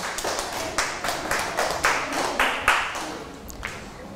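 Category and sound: crowd, classroom clapping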